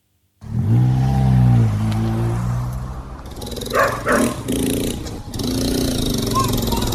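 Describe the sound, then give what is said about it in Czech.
Several dogs bark in short, sharp bursts outdoors in the Vila Nova Esperanza favela in São Paulo, Brazil, greeting unexpected visitors, some yelps rising over a steady hum of background noise and an engine. “Na první pohled je tohle úplně běžná favela, hodně odpadků, hodně psů, kteří vítají ve Třelce nečekané návštěvníky”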